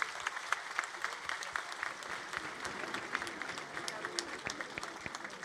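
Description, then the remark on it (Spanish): An audience at a feast for the patron saint San Nicolás de Tolentino applauds steadily throughout to welcome the Sagrado Corazón de Jesús. Many hands clap at once in a dense, continuous patter with no break in the sound. “hoy recibimos al gran amor, el invitado especial, el Sagrado Corazón de Jesús, a quien pido que le brindemos un fuerte aplauso como signo de este amor y gratitud.”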